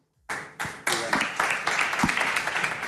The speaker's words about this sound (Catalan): no sé si els aplaudiments seran per tu, per la darrera pregunta, o...